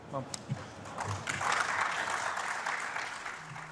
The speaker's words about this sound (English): Applause there nonetheless.